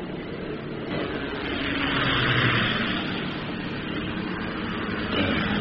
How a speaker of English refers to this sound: Damn. Choppers.